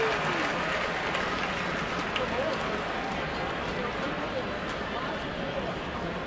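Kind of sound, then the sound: crowd, stadium crowd applause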